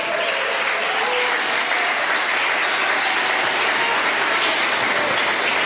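An audience claps their hands to glorify God as they sit down, in a steady, dense wash of applause that holds at an even, loud level for several seconds with no voices standing out.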